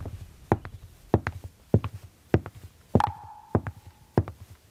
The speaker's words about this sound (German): Die Geräusche unserer Schritte. Sie sind der Herzschlag unseres Alltags. Mal sind wir schnell unterwegs, mal langsam. Mal hetzen wir, mal genießen wir.